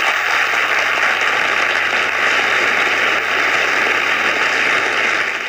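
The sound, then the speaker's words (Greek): Steady crowd applause, a dense wash of many hands clapping at once, loud and even for several seconds with no voices over it, used as a transition effect to change destination. “Τα χειροκροτήματα για να αλλάξουμε προορισμό.”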